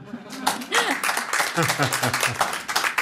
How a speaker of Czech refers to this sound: Tak to je ale na aplaus.